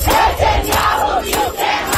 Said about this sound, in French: Dans la rue, près du siège des Nations Unies, ils sont des centaines à manifester contre la venue de Benjamin Netanyahou.